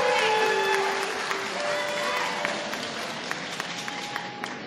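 An audience applauds a priest who stands to receive it, clapping steadily and warmly throughout, a dense wash of applause with a few sharper individual claps standing out near the end, while faint tones and voices hum underneath.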